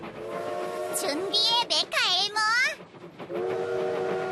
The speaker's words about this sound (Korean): 기차가 온다!